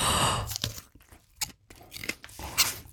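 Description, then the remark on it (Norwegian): Wet crunching bites and chewing on a small red habanero chili pepper, a few sharp crisp crunches followed by softer mouth sounds and breathy exhales, with no talking. “Ok, nå har du altså en rød liten habanero foran deg.”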